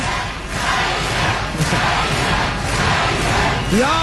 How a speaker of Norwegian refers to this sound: Ja da, jeg hører at de roper på …, men det hjelper forferdelig lite nå.